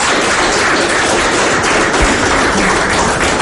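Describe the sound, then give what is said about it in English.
A steady burst of audience applause, dense crackling clapping that stays loud and even for the whole few seconds, with no voices over it; a round of applause for two Galway legends. “All right, lads, a big round of applause for two Galway legends.”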